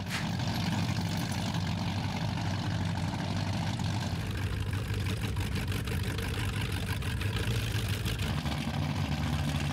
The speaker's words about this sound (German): Einmal im Jahr kommen die Powerboote ans Stettiner Haff. Laute Motoren, die meistens von ganz ruhigen Fahrern gesteuert werden.